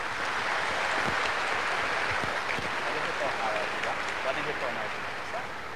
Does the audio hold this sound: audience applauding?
yes